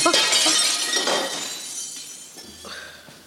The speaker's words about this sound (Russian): Опять стекло высадили. Третье за эту неделю.